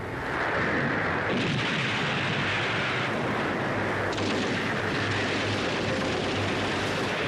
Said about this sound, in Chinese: 晨雾尚未完全消散，枪炮声、喊杀声响彻湘江两岸。